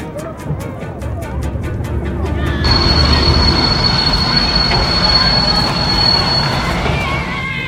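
A moving train bound for Rostock rumbles loudly, its wheels clicking rhythmically over the rail joints before a sustained high-pitched wheel squeal sets in over the heavy roar.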